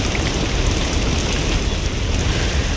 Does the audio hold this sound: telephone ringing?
no